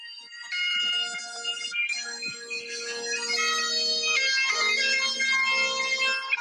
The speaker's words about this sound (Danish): Den her memo, den hedder sækkepipe, min telefon, den tænker jeg tilbage på ret tit, men jeg har aldrig brugt den. Jeg kan huske, at jeg var i London, og så det regnede meget den dag.